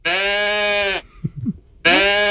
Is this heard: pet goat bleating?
yes